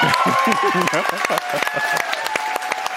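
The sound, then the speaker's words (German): A theater audience in the ORF-Landestheater in Klagenfurt bursts into sustained, dense, loud applause with cheering voices mixed in at the announcement of the Ingeborg Bachmann Prize, continuing steadily without a break for the whole three seconds. “Großer Jubel brach sich im Klagenfurter ORF-Landestheater Bahn bei Bekanntgabe des mit 30.000 Euro dotierten Ingeborg-Bachmann-Preises”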